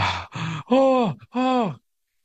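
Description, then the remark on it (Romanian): A voice imitates heavy panting: four loud breathy bursts in quick succession, the last two stretched into groaning exhales with falling pitch, then silence. “Ele gâfâie, da?”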